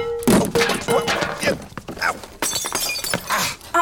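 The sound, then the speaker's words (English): A water pitcher crashes to the floor and shatters, loud breaking followed by a few seconds of clattering shards and bright ringing pieces settling. “Now what? Tip Lewis, my best water pitcher.”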